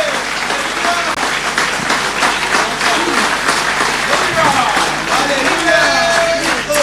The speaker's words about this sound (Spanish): Dale un aplauso a Cristo con gozo. You can praise the Lord with joy.